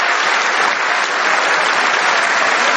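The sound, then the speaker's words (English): Loud, sustained applause from Members of Congress, including Democrats, standing for King Charles III; a dense wash of many hands clapping steadily at an even level throughout, with no voices standing out above it. “Look at all the Democrats that say no king standing and clapping standing and laughing for a king.”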